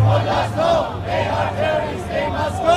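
A large crowd of Iranians living in Calgary chants in unison at a weekly protest rally, voices rising and falling in a steady repeated rhythm, loud and continuous throughout with a low hum underneath.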